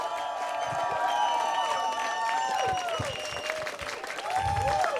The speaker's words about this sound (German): Gebt bitte einen riesigen, tosenden Applaus